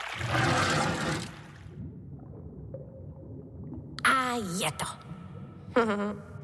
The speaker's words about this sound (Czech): No, budu muset ještě trochu popustit spodem, protože je voda moc nahoře a mohla by provalit hráz.